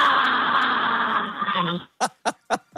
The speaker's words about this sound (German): Okay, mein Urschrei. Ja, bitte.